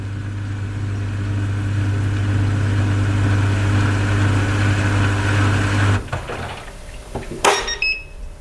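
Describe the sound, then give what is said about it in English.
A small European clothes dryer hums steadily with a low motor drone, then cuts off around six seconds, followed by clicks and a short high electronic beep near the end. “Okay, let's listen to that because now I'm really curious what this dryer sounds like.”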